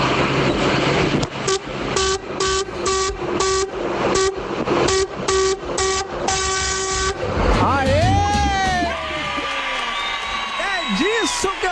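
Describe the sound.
A loud semi-trailer truck horn, on a truck hauling toilet paper around Caieiras and Franco da Rocha, Brazil, honks in a rapid series of about a dozen short blasts, followed by warbling, sweeping tones and voices at the end.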